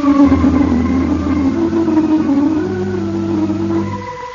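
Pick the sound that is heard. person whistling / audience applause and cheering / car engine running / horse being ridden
car engine running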